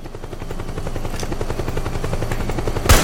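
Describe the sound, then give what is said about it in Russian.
A loud video game helicopter beats steadily with a rapid rhythmic rotor chop throughout, and one sharp burst of gunfire cracks out near the end. No one speaks. “А скоро вертолеты кончатся, а?”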